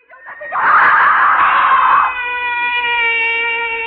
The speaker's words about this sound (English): Why am I screaming? Just a dream. I'll stop screaming.